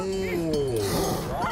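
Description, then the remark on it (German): A low, drawn-out moo from a cow that had been on the railway tracks, its pitch sliding downward over about a second, with a rougher, breathy tail and some background noise. “Ist das etwa die Kuh von den Gleisen?”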